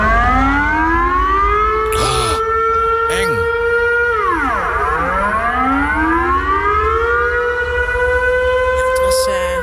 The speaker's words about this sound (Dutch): De bedoeling dat die sirenes ook echt afgaan op dodenherdenking. Maar het was een menselijke fout. Iemand was gewoon vergeten dat knopje uit te zetten.